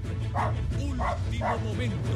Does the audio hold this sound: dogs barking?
yes